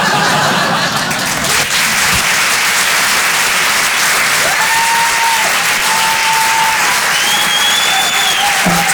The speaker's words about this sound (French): Ça va, vous passez un bon moment? Parce que d'habitude, à la fin de mes sketchs, le public, il applaudit. C'est pour ça.